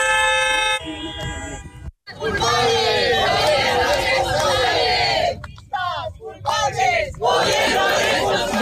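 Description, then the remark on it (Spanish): A crowd of protesters inside the venue shouts loudly and continuously against the president during the inauguration of The District, a real estate industry event at IFEMA in Madrid. Many raised voices overlap in a rough, chanting din with brief breaks. A sustained horn-like tone sounds at the very start. “Dentro del recinto, varias personas han protestado contra la presidenta”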